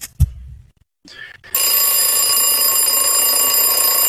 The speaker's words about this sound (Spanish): El despertador el día de hoy.